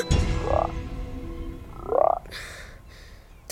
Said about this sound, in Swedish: 2 grodor. Var kom de ifrån? Flytta på er, inte tid med er nu. Bort.